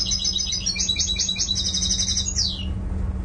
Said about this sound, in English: So this engineer was listening to bird songs on a laptop when you met him.